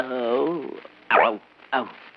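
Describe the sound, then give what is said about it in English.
A man imitates a lion's growl with his voice: one long, wavering rumble followed by two shorter, sharp growling bursts, fairly loud. “You growl once. Let's hear you do it again”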